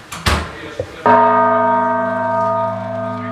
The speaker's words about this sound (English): Manny starts by sounding the largest of the bells, which weighs almost 3 tons.